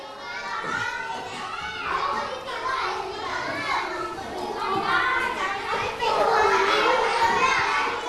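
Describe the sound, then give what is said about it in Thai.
A classroom of children chattering noisily at once while working in groups molding plants, a steady overlapping babble of high young voices with no single speaker standing out, rising slightly louder toward the end. “เบาโทรกลมเงียบเสียงหน่อยเราไม่ใช้ปากในการทำงานเราใช้อะไรครับวันนี้เราใช้มือในการทำงาน”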